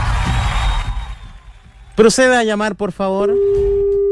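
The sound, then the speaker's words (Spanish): A WhatsApp call's ringing tone sounds near the end, a steady electronic hum that goes unanswered. Before it come some rising and falling vocal sounds over a noisy background. “Esta llamada de WhatsApp, así que esta tiene que funcionar sí o sí. No me contesta.”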